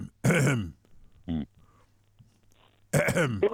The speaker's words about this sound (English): No, no, he's just clearing his throat.